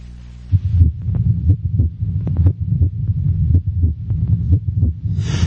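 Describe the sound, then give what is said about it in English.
A loud heartbeat thuds steadily with a deep, muffled lub-dub rhythm, repeating about a dozen times over a low rumbling hum, with no voices present. “The first heartbeat, how did it originate?”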